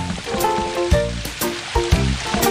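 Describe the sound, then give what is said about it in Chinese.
Water gushes and sprays from a faucet that was kicked and broken, in a steady, loud hissing rush, broken by occasional heavier splashing bursts, with soft tonal music running underneath. “我刚刚太用力了，把水龙头踢坏了。”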